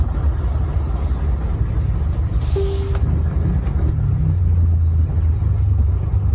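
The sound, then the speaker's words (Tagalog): Steady low rumble of road traffic in a pier area, with passing vehicle engines, a continuous dense drone filling the background, with no voices. “Oh, kini nasa peer area ni, yan traffic ba?”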